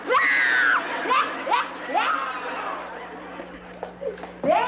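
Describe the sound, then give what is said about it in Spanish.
La Chilindrina, a girl frightened by a lizard, wails and cries loudly in a high-pitched voice with repeated rising sobs and shrieks, with a steady low hum underneath. “No, yo no, es la Chilindrina que está llorando.”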